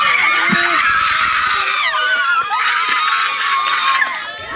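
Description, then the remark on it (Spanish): At the judicial center in Aibonito, a crowd erupts in loud, sustained screams of gratitude and cheering after a guilty verdict, many voices overlapping in a dense, high-pitched roar that stays intense throughout before easing slightly at the end. “Se convirtió en gritos de agradecimiento.”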